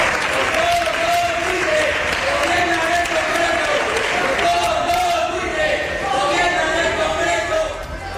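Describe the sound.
Loud, continuous shouting from many voices at once fills the chamber of Spain's Congress as the session is adjourned amid a shower of thrown pamphlets, with raised cries rising over a dense crowd din and some scattered clapping.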